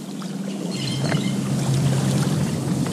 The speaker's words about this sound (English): are wading through waist-deep water, all in an effort to get up close and personal with frogs. On a wet walk at the 6-mile Cypress Slough Preserve